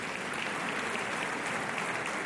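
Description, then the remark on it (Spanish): Sustained audience applause for Jorge Blas, a dense steady wash of many hands clapping at an even loudness throughout, with no voices standing out. “Qué maravilla, Jorge Blas, dale un aplauso más fuerte, que es que el tío, qué guay.”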